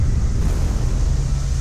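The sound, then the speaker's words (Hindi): Rushing floodwater sweeps away a river embankment in Bihar, India, during flooding of the Gandak and Kosi rivers swollen by water released from Nepal; it roars steadily and loudly, a dense churning wash with a heavy low rumble and no pauses, no voices heard. “पानी के तेज बहाव में बह गया तटबंध।”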